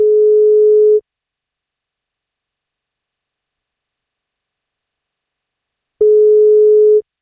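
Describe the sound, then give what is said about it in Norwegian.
A steady electronic ringback tone from an outgoing phone call to a woman on her 58th birthday: two one-second tones separated by a long silence, clear, with no voices. “Hun fyller 58, men for at hun skal få bursdagskake, så må hun svare når vi ringer.”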